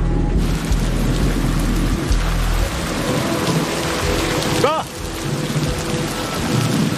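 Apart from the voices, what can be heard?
heavy rain with thunder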